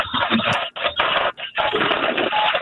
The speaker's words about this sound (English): Oh, we're having a little noise issue here. That should go away. Those are other phone calls I'm getting. I just reject them.